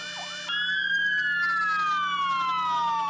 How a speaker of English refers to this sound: In memory of the Kornati firefighters, fire department sirens sounded across the country for 1 minute at 3:25 p.m., while fire trucks activated their lights and sirens, as they do every year on this day, to honor their fallen colleagues.